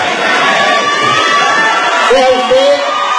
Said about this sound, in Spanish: Están atrás, en una reja, no se ven mucho los de la gente. La gente que está gritando ahí, desde luego, es gente que está apoyando a la presidenta y al estadista Monreal.